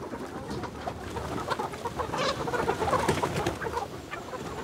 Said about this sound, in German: ihre Hühner noch beim Erkunden der Wiese.